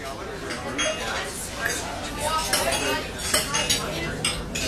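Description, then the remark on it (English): Dishes and cutlery clink and clatter steadily after a dinner party, with scattered bright metallic chinks over a low murmur of indistinct voices. “Can you tell if the leftovers from this dinner party are beginning to grow bacteria that could lead to severe diarrhea, vomiting, and stomach cramps?”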